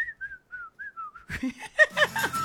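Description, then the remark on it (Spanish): A person whistles the whistle melody of a song in a few thin, clear phrases, alone, before a burst of noisy voices and laughter breaks in. “¡Pobre ese silbido!”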